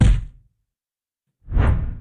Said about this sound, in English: I like that swoosh at the end. That's a good proclamation sound.